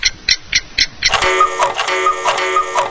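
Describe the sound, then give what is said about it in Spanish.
Four sharp, evenly spaced clock ticks, then a loud, bright electronic tone that holds steady for about two seconds: the time signal on the station Radio Tropical Latina, with no one speaking. “Radio Tropical Latina te da la hora.”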